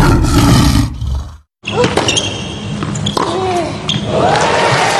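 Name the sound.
lion roar sound logo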